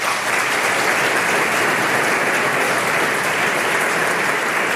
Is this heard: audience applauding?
yes